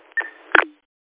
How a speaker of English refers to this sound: There you go, there's the timer.